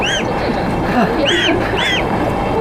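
Goslings honk in short, rising-and-falling calls, several in a row at irregular intervals, over a steady rumble of background noise, while carried in a back basket on a train.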